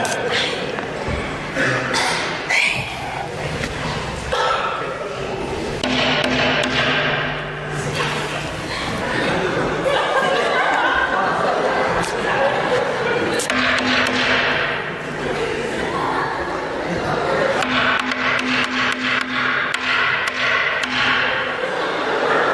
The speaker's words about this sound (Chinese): 敲门呢？ 敲门，这说叫门，叫门。 我就问问您 啊， 半夜十二点，啪啪啪，有人拍你们家房门，你就不出来看看吗？